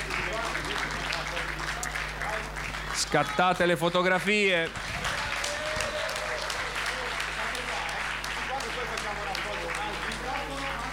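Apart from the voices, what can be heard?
audience applause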